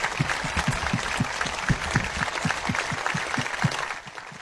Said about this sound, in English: And I think they deserve a round of applause from all of us right now. Will you join me?